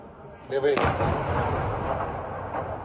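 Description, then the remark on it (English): A Russian missile strike hits a building in Ukraine's capital: a brief rising whine is cut off by a sudden, loud explosive blast, followed by a sustained, heavy rumbling roar that stays loud and dense for the next two seconds. “This was the moment one building was struck.”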